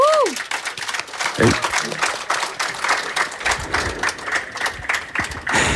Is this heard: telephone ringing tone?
no